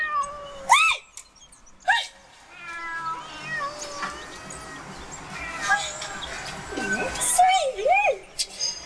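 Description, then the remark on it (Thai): Several cats, four or five belonging to one older woman, some without collars, meow in turn, with sharp rising-and-falling cries near 0.8 s, 2 s and again around 7–8.5 s, over a busy murmur of lower background sound and faint other calls. “ลูกนี่คือแมวของป้า แมวของป้าทั้งนั้นเลยค่ะ”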